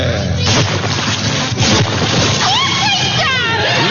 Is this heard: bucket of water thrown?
yes